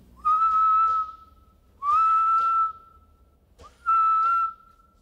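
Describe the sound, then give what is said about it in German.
An ultrasonic animal whistle, inaudible to humans, slowed down tenfold to make it audible, repeats three times, each call sliding upward and then holding a steady, clear tone for about a second, evenly spaced, loud and alone with no voices. “Aber sollten wir das jetzt einfach zehnfach verlangsamen, dann können wir den Pfiff hörbar machen und dann hört sich das ungefähr so an.”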